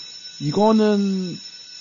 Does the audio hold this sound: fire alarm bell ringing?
yes